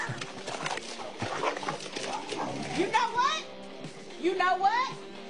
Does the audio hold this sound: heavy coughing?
no